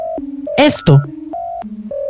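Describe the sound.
A string of steady electronic telephone dialing tones steps between higher and lower pitches, each held briefly, with a short burst of voice cutting in partway through.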